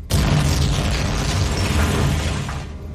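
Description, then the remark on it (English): A massive crashing explosion erupts suddenly as a ramshackle shuttle crashes onto a planet, roaring on as a dense, rumbling wall of noise with heavy low booms and rattling debris for about three seconds before cutting off. “Knowing it's too late to pull away from the gravity of the planet they're crashing towards, Dirt can only brace for impact.”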